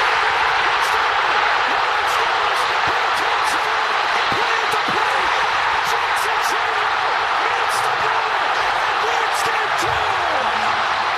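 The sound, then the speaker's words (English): A huge stadium crowd at the Brewers-Padres game, Game 2, roars without a break after a bases-loaded, two-out walk-off hit, a dense, steady wall of cheering and shouting with sharp whistles cutting through it. “We saw that, and both of us said, I've never heard a crowd that loud.”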